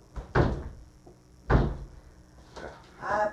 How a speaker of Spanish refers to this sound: y esta puerta está más dura que la de la presidencial. De repente vamos a tener que engrasar las bisagras.